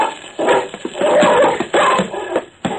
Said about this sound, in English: The dog was like a big brown shadow as he leaped through the air. The man fired one shot before he went down under the attack. Then, don't let him up, Brownie! Hold him!